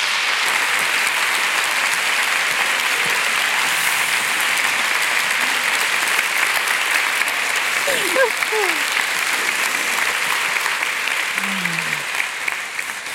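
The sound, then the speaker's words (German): Sustained applause from a large audience in Frankfurt welcoming two guests onto a stage, filling the space for over ten seconds, a dense, steady clatter of many hands with a few faint voices and whoops mixed in. “Und jetzt bitte ich Sie, Frankfurt, Cornelia Funke und Jagoda Marinic mit einem gebührenden Applaus zu begrüßen”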